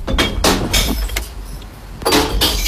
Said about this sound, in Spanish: Identificas este sonido, ¿no? Es el ruido, el sonido de las botellas de vidrio cayendo en el interior del contenedor de reciclaje, el verde.